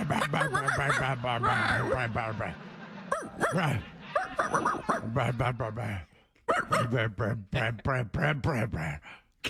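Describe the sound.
People imitate dog barks back and forth in a barking fight, a run of loud, yappy vocal woofs and yips with brief pauses, overlapping at times like a playful barking contest.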